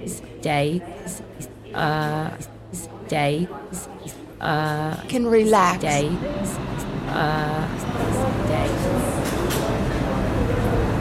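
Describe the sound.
A voice speaks over a platform PA announcing an Uptown Local 1 train to Van Cortlandt Park, 242nd Street, then the subway train rumbles into the station, its broad, steady roar building and filling the remaining seconds.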